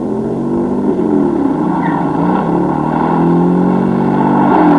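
A car engine drones steadily, its pitch and loudness climbing gradually as the car accelerates, coming on the right, with no voices over it.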